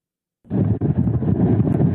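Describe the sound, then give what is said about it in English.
Strong wind from the storm Florence roars across Carolina Beach, North Carolina, in a steady, loud rumbling rush, buffeting the microphone with low booming gusts after a brief silent start. “The wind is whipping stronger than it has in the last 24 hours.”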